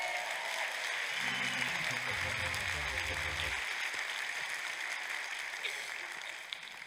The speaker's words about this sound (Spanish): ¡Aplausos a Jehová!